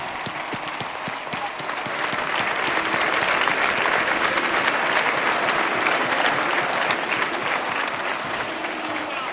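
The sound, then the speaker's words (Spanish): A large audience at a Spanish national football team trophy celebration bursts into loud, sustained applause for María, swelling after a couple of seconds and holding steady as a dense wash of clapping, with faint crowd murmur underneath. “Así que un fuerte aplauso para María, que está viéndonos desde arriba.”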